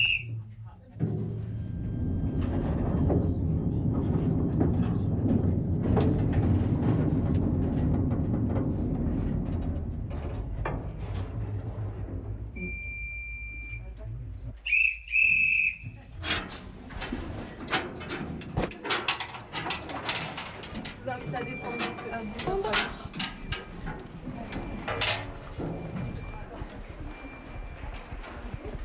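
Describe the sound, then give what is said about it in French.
A small mine train carrying visitors, nicknamed the TGV for its strong vibration, rumbles steadily through an underground slate-quarry gallery over 300 metres of its 4 km of galleries, its wheels clattering and rattling in irregular bursts, with sharp echoing metallic clanks and squeals. “Et avec ce magnifique train, nous venons de parcourir 300 mètres de galerie sur les 4 km que comptent les ardoisières”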